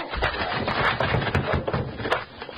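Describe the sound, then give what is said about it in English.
A locked wooden door is smashed in: several heavy thuds and sharp cracks ring out over a continuous crunch of splintering wood, loud and chaotic, with no voices. “It's locked. We'll have to break it down.”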